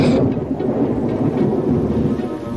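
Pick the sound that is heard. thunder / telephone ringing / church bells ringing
thunder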